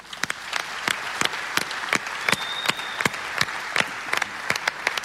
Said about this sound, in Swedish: Så jag tycker vi ger en applåd för hela Vårgårda.